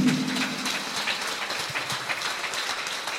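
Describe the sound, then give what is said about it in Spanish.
A crowd claps steadily for a few seconds in applause for Christ, a dense, continuous wash of many hands applauding together, fairly loud with no voices standing out. “Dele un fuerte aplauso a Cristo.”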